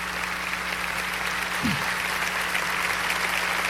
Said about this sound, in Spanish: Va, dáselo a Jesús, porque si alguien merece un aplauso es nuestro Salvador y Señor.